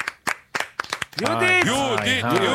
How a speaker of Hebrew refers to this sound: ועכשיו, תרשו לי, במחיאות הכפיים שלכם הסוערות, אבל אני מבקש כפיים